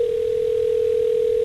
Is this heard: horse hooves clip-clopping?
no